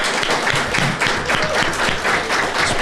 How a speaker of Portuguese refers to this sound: Eles deixaram de fazer para estar sentados aqui conosco. Eles merecem o nosso aplauso. Obrigado.